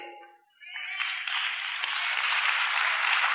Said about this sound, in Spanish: Yo supongo que todos estos aplausos son para la Virgen, no para mí. Entonces aplaudámosla más fuerte.